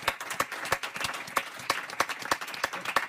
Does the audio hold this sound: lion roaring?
no